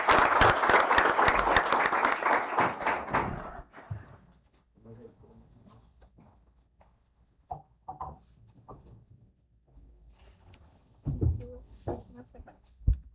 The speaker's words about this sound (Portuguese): e convidar aqui que se faça presente junto comigo as nossas soberanas e uma salva de palmas por elas estão representando tão bem o nosso município.